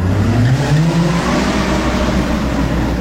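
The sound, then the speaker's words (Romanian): A car engine revs hard and climbs in pitch as the driver presses the accelerator, loud, with a steady roaring drone continuing throughout. “Apăs pe accelerator și tu depinzi de-al meu picior.”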